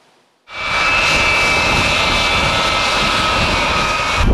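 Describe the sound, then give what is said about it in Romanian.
After a brief silence, the jet engines of a NATO AWACS surveillance aircraft landing at an air base in Latvia burst in as a loud, steady roar with a thin high whine running through it, and no voices. “First time that the NATO AWACS has landed at Lija Varna Air Base in Latvia.”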